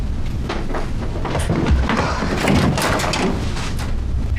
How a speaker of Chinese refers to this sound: 那我去开门。